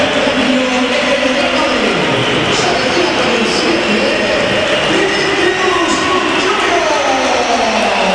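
A football stadium crowd at a Real Madrid match whistles in protest in the 86th minute as Vinicius is substituted off, a loud, unbroken wall of shrill whistles and roaring noise that holds steady for several seconds, with wavering tones sliding up and down inside the din.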